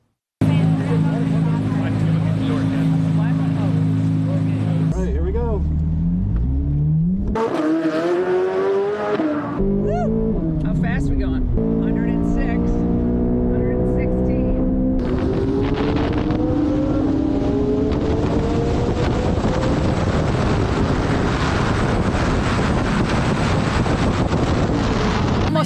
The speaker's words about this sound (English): I want to take a spin around the track myself, first in a Corvette.